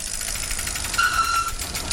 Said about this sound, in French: J'attendais depuis des mois et des mois et des mois tourner cette fameuse roue. Ben, vous la tournez maintenant. Et pour voir ce que vous avez gagné, évidemment, il faut nous dire stop au moment où vous le voulez.